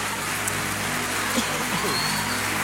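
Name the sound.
audience applauding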